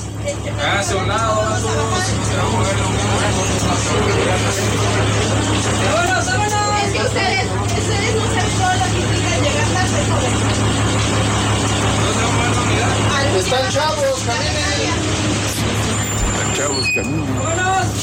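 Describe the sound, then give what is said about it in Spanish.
Inside a bus full of passengers as the bus is being taken over, a steady low engine drone runs throughout beneath a constant babble of many overlapping voices talking at once. “Los pasajeros se resisten, están tomando los camiones y decirle a los pasajeros, a las señoras, a los pasajeros, bájense.”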